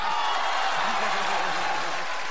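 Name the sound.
audience applause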